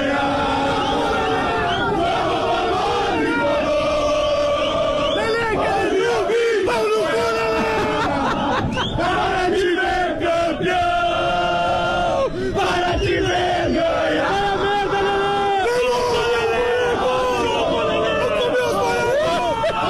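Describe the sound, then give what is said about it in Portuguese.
A large crowd of Grêmio football fans chants and sings in unison at the arena ahead of the Grenal match, loud and sustained throughout, with a dense roar of many voices and rhythmic swells. “Torcida do Grêmio na arena, onde estamos com o nosso posto avançado para o Grenal”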